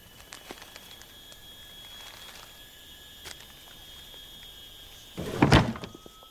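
A drawer slides open in one short, rough scraping burst near the end, opened to take out folded sheets of written verses, after several seconds of near-quiet broken only by a few faint ticks over a thin steady hum.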